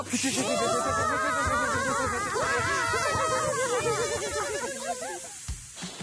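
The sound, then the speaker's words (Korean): Several voices together imitate a deflating balloon: a loud, continuous chorus of wobbling, sliding pitches with breathy hiss, lasting about five seconds before trailing off into a few faint sounds. “우리 다 같이 풍선이 부풀었다. 부풀었다. 바람이 빠집니다.”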